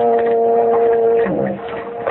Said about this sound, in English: That was just a foghorn.